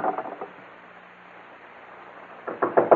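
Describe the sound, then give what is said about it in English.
Several rapid knocks on a door, a short burst at the start and another after a pause of about two seconds, with a faint low hum in the quiet gap. “Open up, Morgan. We know you're inside.”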